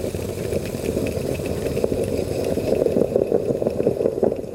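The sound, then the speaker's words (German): A Bialetti moka pot coffee maker gurgles steadily on the stove, a continuous low bubbling rumble with soft hissing and irregular sputtering pops that grow a little louder toward the end, with no voices. “Dieses Geräusch ist der Klang meiner Bialetti-Kaffeemaschine und es bedeutet sehr viel für mich.”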